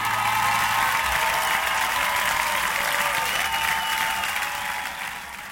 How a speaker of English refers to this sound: Can I get a round of applause? Give me a round of applause. Please, please. Come on.